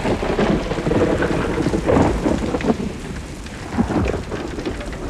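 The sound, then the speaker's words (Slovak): A heavy hailstorm with hailstones the size of eggs batters down on apple trees covered in buds. It makes a dense, steady, loud roar of impacts, with low thunder rumbling underneath and a few louder swells. No voices. “To nám chýbalo jablone obsypané pukmi a také je to krúpobytie.”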